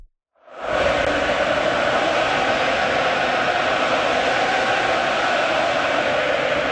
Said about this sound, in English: That's from my phone. I mean, you can't really get the full effect of how loud that arena was last night. You had to be there. The Ole chant. That was at the start of the game. That was before the game even started. I mean, they were going off.